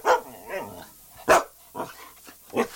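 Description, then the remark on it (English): Clancy, a pet dog, barks repeatedly over the phone in short, irregular bursts, about five sharp barks with a muffled, narrow quality, with no talking. “Clancy is your doggy, is that right?”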